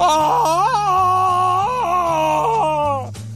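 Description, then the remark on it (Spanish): A voice imitates Tarzan's jungle yell from the old Tarzan series. It is one long, loud, wavering cry whose pitch warbles up and down for about three seconds over a steady low tone, then breaks off abruptly. “Cuando quieran relajar, traten de imitar el grito de Tarzán, pero de la vieja serie de Tarzán.”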